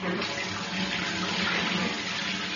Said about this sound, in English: Good morning, good morning, good morning, good morning, and welcome to Edgbaston. And as you can hear for yourself, we're standing in the changing room shower. So this is what it would sound like,